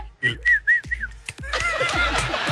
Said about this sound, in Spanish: ¡Yeah! No puede faltar el chiflido, ¿eh?